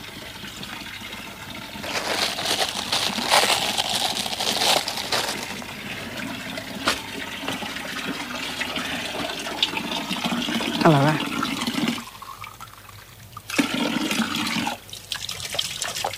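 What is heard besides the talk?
water running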